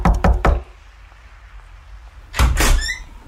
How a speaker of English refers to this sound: I'm going to get you to place the door knock, and then he'll be there